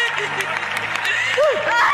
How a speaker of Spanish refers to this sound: ¿Cuántos están en victoria en esta noche? Los que están en victoria, aplauda al Señor más fuerte.